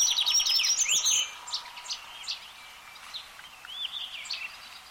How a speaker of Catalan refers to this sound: En aquest capítol heu escoltat el cant d'aquests ocells. Raspinell, Quercia brachydactyla. Au resident a les zones forestals de tot el curs del riu.